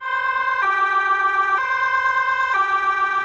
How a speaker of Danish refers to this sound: Det her, det er udrykningskøretøjer fra i fredags ved et gymnasium i byen Fogestad, hvor en person bevæbnet med svær dræbte en 17-årig pige og sårede 3 andre.